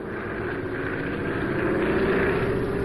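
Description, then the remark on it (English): A light airplane's propeller engine roars at full throttle with the stick forward, recovering from a practice stall during flight training: a loud, steady droning buzz that swells slightly in pitch and power toward the end, with no voices. “Now, Stick forward and full throttle.”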